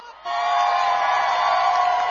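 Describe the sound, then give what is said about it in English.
A crowd at an outdoor plaza erupts into loud, sustained cheering and whooping, a dense wall of many voices starting abruptly and holding steady for a couple of seconds. “The crowd is electric over here. Make some noise.”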